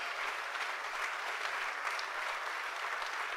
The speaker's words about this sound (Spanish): Dele el aplauso a Jesucristo.